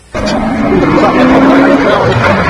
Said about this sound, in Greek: Είναι η στιγμή που το αγωνιστικό αυτοκίνητο στη διαδρομή προς το Θεριακίσι ξεφεύγει από την πορεία του και πέφτει πάνω σε παρευρισκόμενους που παρακολουθούν το ράλι Δοδόνης.